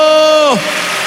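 A held voice slides down in pitch and breaks off, giving way to a crowd of people clapping their hands for the Lord, a dense, steady patter of applause that continues to the end.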